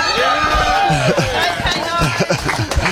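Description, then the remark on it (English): A group of voices cheers and whoops loudly together, overlapping shouts rising and falling, with scattered clapping mixed into the steady roar. “Now, somebody needed to take some leadership, and I feel like I did that because we were all cheering, we were all clapping, but then I actually forgot, we need to do the countdown.”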